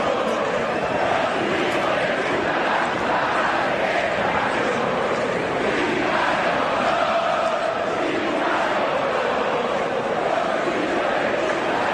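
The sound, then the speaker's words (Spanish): A large stadium crowd at the Monumental during a national team match roars continuously, half jeering and half applauding, mixing loud chanting and jeering voices with bursts of applause, a dense, steady wall of sound throughout with no single voice standing out. “La mitad lo puteaba, la otra mitad aplaudía.”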